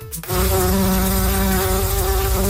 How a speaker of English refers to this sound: there could soon be more bumblebees and other pollinators buzzing around Prince Edward Island